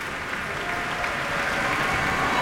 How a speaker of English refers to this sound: And you can hear the audience's applause for them, enthusiastic applause for the musicians of the Boston Symphony.